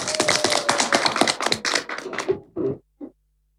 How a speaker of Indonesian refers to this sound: Tepuk tangan teman-teman.